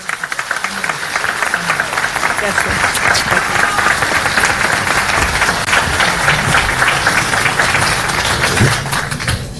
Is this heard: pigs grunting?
no